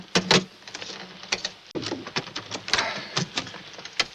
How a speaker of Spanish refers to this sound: Estos cajones están cerrados con llave. ¡Fuérzalos! Sí, jefe. Fuerza la cerradura con una navaja.